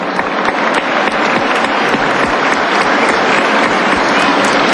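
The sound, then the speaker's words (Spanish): Sustained applause from an audience, a dense steady crackle of many hands clapping at an even, loud level for the whole stretch, applauding the National Government for its school works at the Unidad Educativa Aurelio Ochoa in Turi parish. “Quiero reconocer esta acción del Gobierno Nacional y un aplauso, por favor, a él.”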